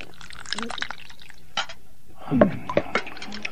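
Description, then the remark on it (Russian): Soup being ladled into a plate: a few short, wet splashes and pours with light clinks of a ladle against the dish, moderately quiet. “Ну что ж, налей-ка мне тарелку пополнее.”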